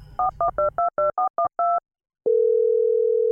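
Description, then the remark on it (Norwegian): A quick run of eight telephone keypad beeps as a number is dialed to call the bank, a brief pause, then a steady, continuous phone tone that holds loud and clear to the end. “Og til endans ringte jeg i banken.”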